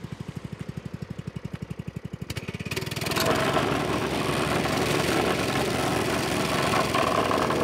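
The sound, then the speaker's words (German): A vibrating plate compactor thumps rhythmically at low speed, then revs up around three seconds into a loud, steady, dense rumble with no talking, as it shakes a road patch in a hole firm so the patch sticks. “wird das einmal festgerüttelt. Und dadurch bleibt es haften.”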